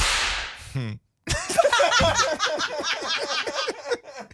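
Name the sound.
whip crack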